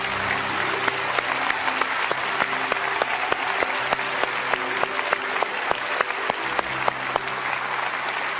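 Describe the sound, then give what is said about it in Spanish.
Sustained audience applause for the mothers present, who have stood up, a dense wash of many hands clapping steadily for several seconds, with a low musical hum and faint voices beneath it. “Aplauda a cada una de esas mujeres.”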